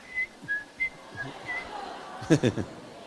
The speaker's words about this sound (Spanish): Ahí ya empecé a silbar en la cara de los ancianos.